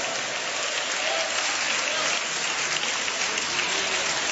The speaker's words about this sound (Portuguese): Aplaude a Jesus e dá glória a Deus.